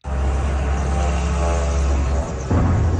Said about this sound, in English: An eyewitness videos the moment a drone slams into an apartment building in the Russian capital.